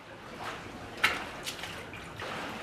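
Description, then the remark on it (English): A crocodile in a tank snaps up its prey at the water surface: a sharp splash, then a second smaller one, over a steady low sloshing of water, with no voices. “Above the water, the crocodile snaps up its prey.”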